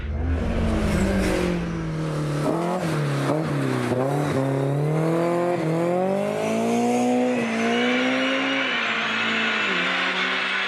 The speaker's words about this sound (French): Le moteur, franchement, il monte dans les régimes à une vitesse absolument incroyable. Il passe de 6 à 8 000 tours en une fraction de seconde.